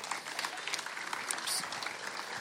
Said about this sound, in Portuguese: se calhar vai receber o primeiro aplauso, não é?